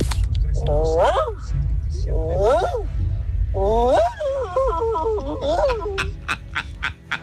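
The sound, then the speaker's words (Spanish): A person imitates a workshop dog barking, letting out about four drawn-out, wavering yelps with rising and falling pitch, the last one longer and choppier, followed by a few sharp clicks. “Mi talento oculto es como perro de taller.”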